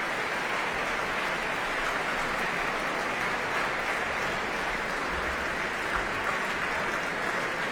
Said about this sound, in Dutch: En applaus hier ook voor Ramon van Engelenhoven op piano. En voor harpiste Petra van der Heijden.